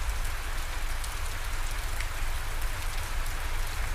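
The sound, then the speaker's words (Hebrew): Steady rainforest rain falls without pause, a dense hiss of drops pattering on leaves and surfaces, with a low constant rumble underneath and no voices. “ובעדינות, בעדינות, העבירו תשומת הלב שלכם לצילים של היער גשם, לצילים של הפסנתר.”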